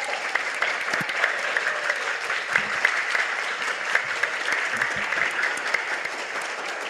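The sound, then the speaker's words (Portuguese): A sustained round of applause at the Câmara Municipal de Araras for the chamber's employees after a state award, many hands clapping densely and steadily at a fairly even loudness for several seconds, with no voices standing out. “Cadê a salva de palmas aí para os funcionários da Câmara?”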